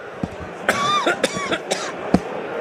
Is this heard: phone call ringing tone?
no